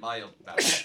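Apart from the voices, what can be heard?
sneeze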